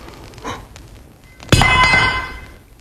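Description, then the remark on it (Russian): A metal fireplace poker is clumsily dropped by a man at a fireplace and strikes with a loud, ringing clang that lingers and fades over about a second, preceded by a faint soft knock. “Господи, какой я неловкий. Упала кочерга.”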